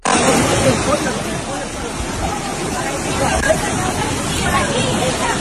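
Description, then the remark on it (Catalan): A loud, steady roar of rushing floodwater fills the scene without letting up, a dense wash of churning noise with a faint murmur of voices mixed into the background. “Cotxes destrossats, rieres, urbanitzacions on mai havia arribat l'aigua i el so de la força de l'aigua.”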